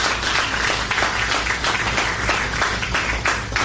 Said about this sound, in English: Getting applause for electrical wires is one of our great accomplishments.